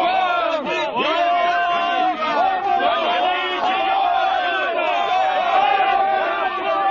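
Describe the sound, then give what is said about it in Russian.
A large crowd of parishioners shouts angrily all at once, many overlapping voices yelling and bellowing in a dense, loud, continuous roar with no pauses. “Прихожане превратились в озверелую толпу.”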